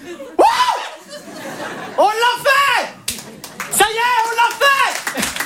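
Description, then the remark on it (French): An audience claps and laughs together, with loud bursts of cheering voices rising and falling over a steady patter of applause across several seconds. “Alors vous applaudissez, mais pas, vous savez pas pourquoi.”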